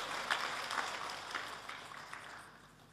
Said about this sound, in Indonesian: Kita tepuk tangan untuk beliau.